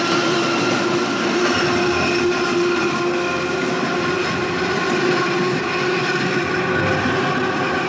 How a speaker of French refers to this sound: monte sur le toit d'une rame du métro aérien parisien, lancée sur le pont de Bir Hakeim à 70 km/h.